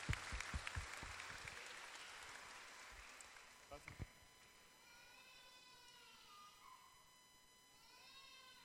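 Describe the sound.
A burst of applause, dense clapping for about four seconds that thins out and stops, followed by quieter sustained tones like voices or whistles.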